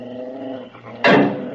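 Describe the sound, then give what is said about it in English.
Rusty's dog, Flip, growls low and steadily for about a second, then breaks into a single loud, sharp bark that trails off. No one speaks. “Just then, Rusty's dog, Flip, starts to growl.”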